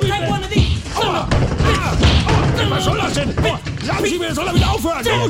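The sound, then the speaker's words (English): Heavy thuds and smacks land in quick, irregular succession, like punches in a scuffle, with loud shouting voices over a dense, chaotic background. “he is not impressed at all with punching like a little girlie.”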